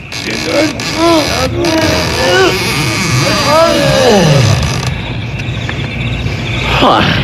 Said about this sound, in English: Hey, what's in here? This is the only big building in the whole town. You'll see. There. Now help me open up these big doors.